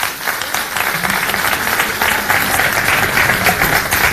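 Sustained applause from an audience, a dense wash of many hands clapping at steady loudness for about four seconds, with no one speaking over it.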